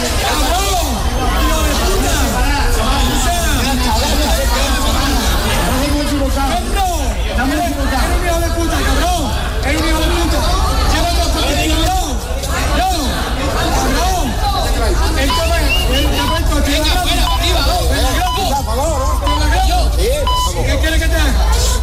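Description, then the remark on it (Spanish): At the final whistle of a football match, a large crowd of home fans roars with overlapping shouts and sharp, piercing whistles aimed at the referees, a steady, loud wall of angry jeering that continues without pause throughout. “El pitido final dio paso a una sonora pitada al equipo arbitral, al conjunto arbitral, reflejo del enfado de una afición que consideró que varias de las decisiones tomadas durante la segunda mitad terminaron condicionando el desarrollo del encuentro.”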